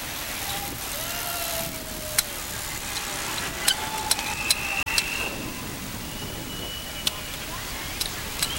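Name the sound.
passing road traffic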